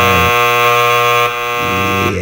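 Two harsh, loud game show buzzers sound almost together as two contestants buzz in at once, their droning electronic tones overlapping and shifting in pitch for a couple of seconds, with no talking.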